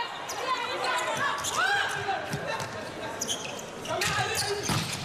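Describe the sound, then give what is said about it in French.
A volleyball smacks hard off a monster block at the net by Croatia's Garbavica or Strunjak on an attack by Amanda Silvestre, winning a point for Croatia; a few sharp slaps ring out over crowd murmur and voices. “Ouh, et elle claque un monster block.”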